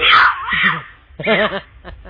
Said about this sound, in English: Ouch! That's a mountain lion.